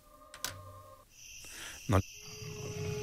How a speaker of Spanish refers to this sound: su rugido resuena en el tiempo. La huella del jaguar.